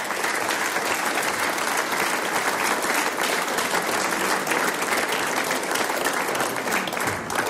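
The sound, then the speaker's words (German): Sustained applause from a sizable audience at the singers' and musicians' meeting in Bingau, welcoming the mayor and another man onto the stage, a dense steady wash of clapping hands that stays loud and even throughout, with no talking over it. “Mit Applaus geht es natürlich am besten.”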